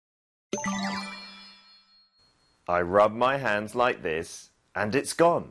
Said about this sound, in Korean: 마술사님, 저기 동전 떨어뜨리신 거 맞는데요.